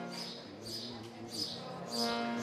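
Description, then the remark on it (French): Birds chirp outdoors in Geneva in repeated bright bursts, a call every half second or so, over a steady low background hum, with no one talking. “Et vous entendez les oiseaux qui sont assez bruyants ici à Genève.”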